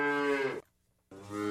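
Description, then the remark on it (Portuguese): A cow called Mimosa moos loudly, two deep drawn-out lows separated by a short pause, with no voices or other sounds around them. “Agora a mimosinha berra.”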